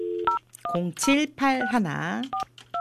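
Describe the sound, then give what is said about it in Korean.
Short electronic touch-tone beeps of a phone being dialed to call a radio listener, a few at the start and two more at the end, with a voice speaking between them over a faint steady hum. “이분 한번 전화를 한번 해보도록 하겠습니다.”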